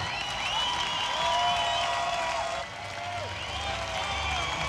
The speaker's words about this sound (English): Thank you. Stop clapping. Stop that. No, it just embarrasses us. We just don't know how to react.